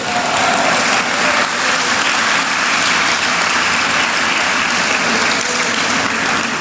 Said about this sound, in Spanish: Dale un aplauso a Cristo Jesús.